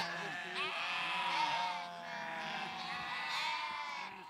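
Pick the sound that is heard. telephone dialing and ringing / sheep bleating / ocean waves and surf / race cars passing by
sheep bleating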